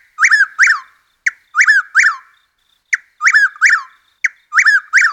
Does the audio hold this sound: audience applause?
no